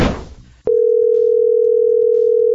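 A brief rush of noise gives way to a loud, steady telephone tone that holds unbroken, close and clear, until the end. Nobody speaks.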